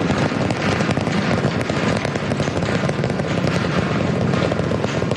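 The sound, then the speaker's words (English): The 33 Raptor 3 rocket engines of the V3 booster roar at launch as it ascends over the Gulf, a loud, continuous rumble with a harsh crackling texture, holding steady for several seconds with no voices over it. “See a 33 out of 33 Raptor 3 engines on booster V3 ascending over the Gulf now, coming up on maximum aerodynamic pressure.”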